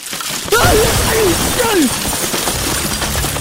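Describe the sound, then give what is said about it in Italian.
A house collapses with a sudden loud crash, followed by a sustained roar of tumbling, clattering debris lasting several seconds, with a few brief gliding squeals over the rubble. “È crollata la casa di Faustina con la ruttoreggia tua!”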